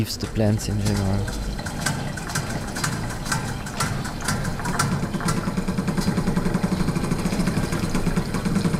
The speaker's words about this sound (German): Um Insekten geht es auch in Drumming for Love der kosovarischen Künstlerin Erze Dinarama. 5 mit Wasser befüllte Metallbecken hat sie in den Raum gestellt. Eigens entwickelte Klangmaschinen bespielen sie wie ein Schlagzeug.